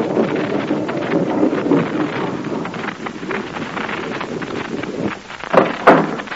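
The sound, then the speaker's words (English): A tank, followed by a car, rolls through a narrow lane opened by movable rocks: a heavy, continuous low rumble with grinding, rattling texture rolls on steadily, then eases before a couple of sharper crunching bursts near the end. “The tank rumbles through, followed by the car.”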